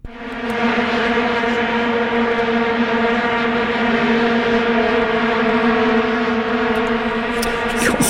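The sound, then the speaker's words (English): A loud, continuous drone of many vuvuzela horns blaring together, a steady buzzing wall of sound like a swarm, unbroken for the whole stretch with no voices. “But they have drawn criticism over their monotonous droning sound, often likened to a swarm of bees.”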